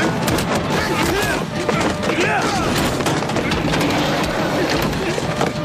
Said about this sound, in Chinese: 救护车刚驶出不远，就遭到围堵拦截，棍棒疯狂砸向车身，现场瞬间陷入混乱。